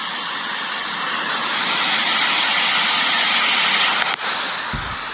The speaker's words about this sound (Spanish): Miren, les voy a poner el audio, el video, pero eso que se escucha ahí es el desborde del río.